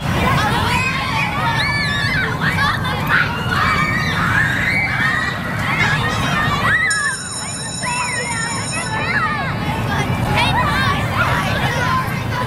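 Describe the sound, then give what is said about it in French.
A loud, steady babble of many schoolchildren's voices fills the whole clip as pupils return to school, with shouts rising over it, while a high, sustained electronic school bell for the return to class rings for about two seconds midway through. “Et oui, on vient d'en parler, c'est la cloche du retour en classe, les élèves qui sont en train de reprendre le chemin de l'école”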